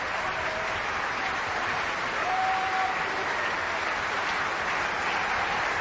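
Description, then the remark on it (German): A theater audience at the Bayreuth Festspielhaus applauds steadily for a curtain call as the cast steps out hand in hand in a line before the curtain. A dense, sustained wash of clapping from a large crowd holds at an even level throughout, with no talking. “Hier kommen jetzt die Darstellerinnen und Darsteller noch einmal in einer Kette, Hand in Hand vor dem Vorhang, treten sie in einer Reihe hier.”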